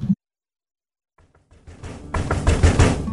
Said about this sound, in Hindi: अरे कौन है दोपहर में? कौन हमारे स्टूडियो में दस्तक दे रहा है?